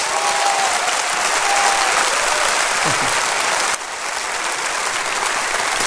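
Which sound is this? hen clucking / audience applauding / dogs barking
audience applauding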